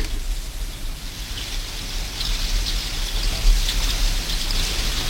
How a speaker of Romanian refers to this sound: Dar acum s-a preschimbat în ploaie.